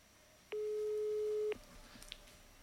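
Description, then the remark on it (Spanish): A single steady, low-pitched ringing tone of an outgoing phone call to a phone with wifi switched on sounds loudly for about a second, then cuts off into a quiet line with faint background noise. “Cuando los tonos son así es porque tienen el wifi prendido.”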